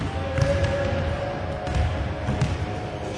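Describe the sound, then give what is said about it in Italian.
A basketball bounces a few times at irregular intervals on the hard indoor parquet court of a wheelchair basketball arena, the Palameda in Brianza, Italy. The thuds echo over a steady hum of gym ambience with faint squeaks and activity. “E allora siamo andati a trovarli nella loro casa, i brianzoli, il Palameda, per parlare di un sogno europeo, certo, ma anche dei mille rimbalzi di quella palla a spicchi dentro e fuori dal parquet paralimpico.”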